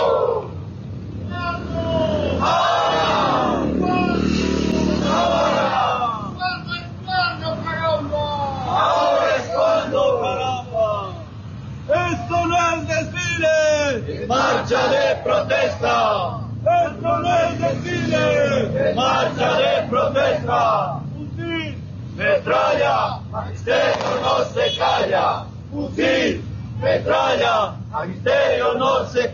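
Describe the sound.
A large crowd chants and shouts together at a peaceful street march, loud rhythmic voices rising and falling continuously, with a low traffic rumble underneath.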